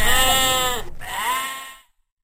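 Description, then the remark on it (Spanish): A sheep bleats twice in quick succession, loud, with a wavering, nasal tone that cuts off sharply, then silence. No one speaks. “Cuando el pastor trajo de regreso la oveja perdida, él y sus amigos estaban felices.”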